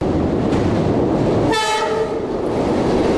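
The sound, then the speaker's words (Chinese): A train travelling from Hong Kong to Guangzhou rumbles steadily along the rails with a loud, continuous roar, broken midway by a short, bright blast of its horn lasting about half a second. “在从香港赴广州的火车上，刘雪安与江陵又完成了第三部《上前线》的词曲创作。”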